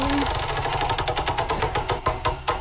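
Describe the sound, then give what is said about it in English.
A prize wheel, spun to pick which game will be played, makes a rapid series of sharp, bright clicks that gradually slow and spread apart as it winds down, over a steady rumbling background. “Let's spin the wheel first and find out what we're playing.”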